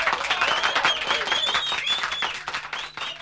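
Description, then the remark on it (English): A crowd at a reggae DJ show applauds and cheers loudly and continuously, with dense clapping, shouts and a few high whistles rising above the din throughout. “What the people are wanting is a couplet to the morning. That's what they all are shouting for.”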